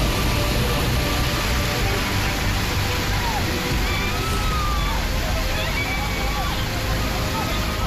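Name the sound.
rushing floodwater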